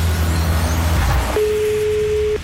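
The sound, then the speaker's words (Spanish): Heavy, busy street traffic: a deep engine rumble from a heavy vehicle, then a steady horn blast held for about a second over the continuing road noise. “Circulando aquí por la cuenta que le regué un carro. O sea, si se da cuenta, sí. Hay bastante tráfico ahorita.”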